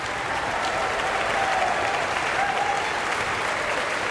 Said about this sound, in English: Everyone in Marian Anderson Hall is on their feet and cheering this performance, and Marin Alsop is returning for another bow.